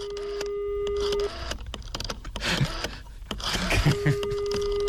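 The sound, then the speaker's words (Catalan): A telephone line sounds: a steady call tone, then a flurry of quick dialing beeps and clicks, and the steady tone returns, clear with no talking, as a phone number is dialed to ask about places in flamenco classes. “Hi ha dos telèfons, podem trucar-hi, et sembla?”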